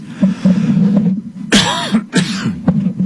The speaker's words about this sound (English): Excuse me, I've still got my little cough.